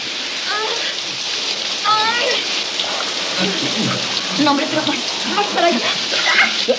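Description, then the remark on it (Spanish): A shower runs steadily, with a dense, even hiss of water falling onto a person's face. Faint voices surface now and then beneath the spray. “El agua le cae en la cara.”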